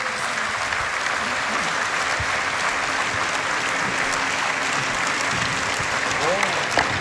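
Sustained audience applause fills the whole stretch, a dense steady wash of many hands clapping, loud, with faint crowd murmur mixed in beneath it.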